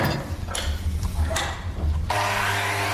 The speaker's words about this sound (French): Et après, Florian, il les coupe, il les scie, il les met à la côte.